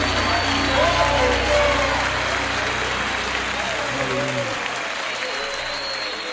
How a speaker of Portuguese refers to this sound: Vamos aplaudir ao Senhor, o Rei dos Reis, aquele que vai restituir a tua vida, meu Deus.